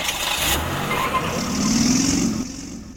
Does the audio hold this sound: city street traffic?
yes